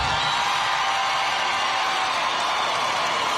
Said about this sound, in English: People cheering for no reason. I said free Palestine.